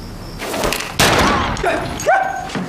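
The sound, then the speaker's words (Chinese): A single loud shot from a militia training rifle, fired during a confrontation, cracks out sharply, its echo lingering briefly amid background commotion, with a short yelping cry rising afterward. “不走我就再开一枪打死你！”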